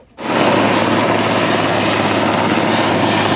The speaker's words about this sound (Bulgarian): Военният хеликоптер «Кугър» долетя от авиобаза Крумово в ранния следобед.